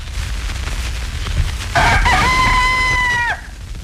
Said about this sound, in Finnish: nämä varhaisimmat tallessa olevat kiekumiset on nauhoitettu vuonna 1939